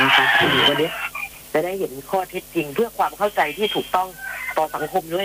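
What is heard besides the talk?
rooster crowing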